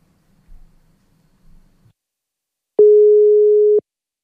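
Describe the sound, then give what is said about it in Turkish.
A single steady telephone ringing tone of an outgoing call sounds loudly for about a second, a pure mid-pitched beep, preceded by faint low murmurs and otherwise silence. “Çalıyor mu? Tamamdır, çalıyor.”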